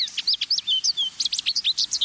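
A lively run of high, twittering American goldfinch song and calls, quick sweet chirps and slurred whistles tumbling over one another in a steady, rapid stream, clear with no voices.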